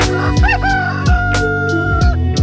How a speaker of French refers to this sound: Mais attendez, un coq ?